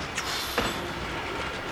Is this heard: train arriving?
yes